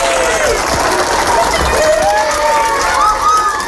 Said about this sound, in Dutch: Hij loopt met de documenten naar de aula en de kinderen beginnen te juichen en te klappen.